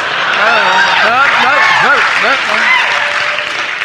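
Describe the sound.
A crowd breaks into loud, sustained applause, dense clapping mixed with whoops and cheering voices, holding steady for a few seconds before easing slightly at the end.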